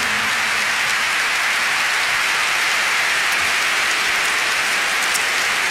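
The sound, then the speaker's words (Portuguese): A large audience at a fado concert claps steadily and loudly for guest Professor Joel Pina, a dense unbroken wash of applause lasting several seconds with no voices over it. “e que é o professor Joel Pina, para quem eu peço uma grande salva de palmas, que é o meu convidado desta noite.”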